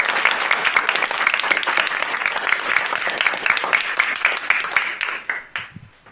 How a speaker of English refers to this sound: Yes, it's 24 centimeters. A round of applause.